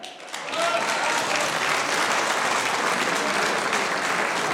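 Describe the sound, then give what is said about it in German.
A crowd breaks into sustained applause for two candidates in the election of the new Strawberry Queen in Wiesen, rising quickly after a brief quiet start into a dense, steady wash of clapping that stays loud for several seconds with no voices standing out. “Das ist euer Applaus.”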